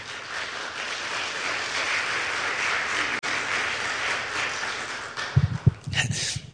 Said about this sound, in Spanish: Otro aplauso, por favor, al Señor.